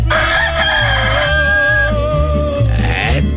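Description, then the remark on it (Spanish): A rooster crows, one long, drawn-out call that wavers slightly in pitch for about three seconds, over a steady low rumble in the background. “Ya está cantando el gallito, ya está cantando el gallo.”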